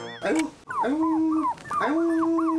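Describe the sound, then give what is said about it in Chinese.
A teacher voicing a puppy imitates its howl, giving a few rising and falling "awoo" cries in quick succession, loud, with brief whimpery yips between them. “老师配的是那个尖的， 老师配的是小狗的声音、 我就只能听到他在那啊呜、 他啊呜、是在逗狗， 他在逗狗玩嘛、我说的呀。”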